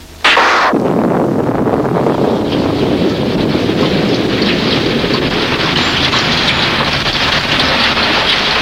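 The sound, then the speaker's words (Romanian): Heavy rain pours down in a steady, dense roar that starts abruptly and continues unbroken and loud, with no voices present. “Ce ploaie! Nu putem să ieșim din casă.”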